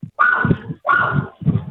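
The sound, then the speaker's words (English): A puppy named Milo barks in three quick, high-pitched yaps, two longer ones followed by a shorter one, with no one talking. “You got a puppy there”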